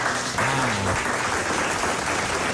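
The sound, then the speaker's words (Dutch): Steady applause from a crowd fills the whole stretch, dense and even in loudness, with a brief voiced tone rising over it near the start. “Applaus.”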